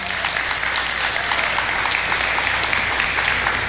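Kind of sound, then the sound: crowd, audience applauding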